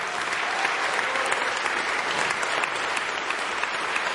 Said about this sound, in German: Großen Applaus dafür.